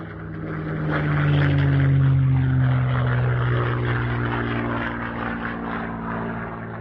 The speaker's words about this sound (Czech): To my taky dobře víme. 3, 2, 1, letadlo.